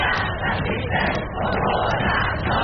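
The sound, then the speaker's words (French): A dense crowd fills the central square of Stockholm, Sweden, with steady, loud babble and shouting voices, a continuous wash of many people talking at once, no single voice standing out. “Sur la place centrale de Stockholm, l'ambiance devient quelque peu électrique lorsque cinq jeunes hommes s'imposent devant la foule avec une pancarte anti-immigration”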